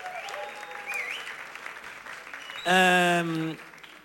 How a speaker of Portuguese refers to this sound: também tivemos o Alex Alva Teixeira, que de resto hoje está aqui. Uma salva de palmas para ele, que é elemento do júri.